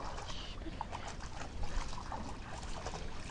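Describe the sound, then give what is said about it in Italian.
Small dogs splash and lap at the water, drinking in the middle of a calm river, over a steady wash of flowing water, with small scattered splashes and no one talking. “E si inia a bere proprio al centro di Fiume.”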